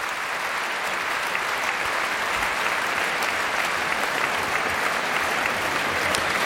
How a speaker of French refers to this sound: La jeune soliste est aussi très applaudie par les musiciens de l'Orchestre de Paris que la chef Bahar Avni fait se lever.